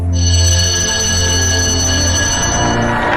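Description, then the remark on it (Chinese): A theatre bell rings for the third time before a performance begins, loudly and continuously for about three seconds, a steady, bright metallic tone with no pauses and no voices. “剧场里第三遍铃声响起，我听见掌声江涛般响起了，感到彩色的灯光像瀑布一样倾泻下来，演出就要开始了。”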